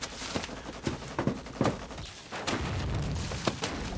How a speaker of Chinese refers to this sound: 报告， 哪来的枪炮声？ 日军正在进攻郭万明方，打得很激烈。